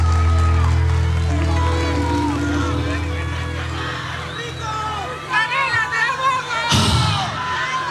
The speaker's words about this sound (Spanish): Ay, qué lindo, un aplauso, muchas gracias.